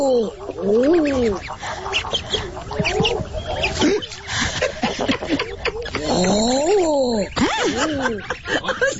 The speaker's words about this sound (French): On écoute le canard Eder à duvet.